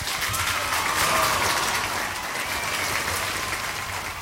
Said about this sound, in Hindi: तो जनता ने जो है आज काफी बढ़िया तरीके से रिस्पॉन्ड किया है और हर बार की तरह सही जवाब दिया है, तो तालियां।